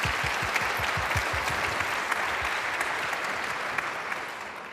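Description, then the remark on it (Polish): Sustained applause from a large concert audience for the musicians, dense and steady clapping filling the space, with a few distinct claps standing out before it slowly tapers off slightly toward the end. “Jeszcze raz wielkie brawa dla nich.”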